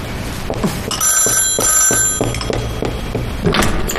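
An old-style telephone bell rings insistently with a call from Station Chief Wu, a continuous metallic trill with steady high tones, fairly loud, accompanied by a few dull knocks and room noise, with no one speaking.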